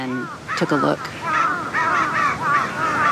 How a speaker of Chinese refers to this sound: 几分钟后，乌鸦发现了地上的尸体，现场顿时混乱起来。他们的叫声明显发生了变化。 乌鸦现在发出的似乎是警报声，之前的警报也吸引了附近的乌鸦过来查看。